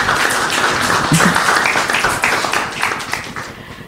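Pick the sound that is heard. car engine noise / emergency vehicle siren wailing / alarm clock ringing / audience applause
audience applause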